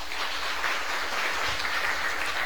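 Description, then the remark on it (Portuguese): A crowd applauds to welcome a visitor, a dense, sustained patter of many hands clapping at once, filling the space evenly from start to finish with no voices on top. “Vamos acolher com a salva de palmas.”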